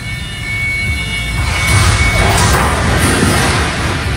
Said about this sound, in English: That doesn't sound good. Oh, snap. Yep. Scoreboard crashed about 30 feet down to the floor. It broke into a gazillion pieces, damaged the gym floor.